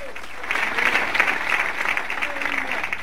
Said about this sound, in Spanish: Si le va a dar palmas, se las da fuerte a Cristo, hermano.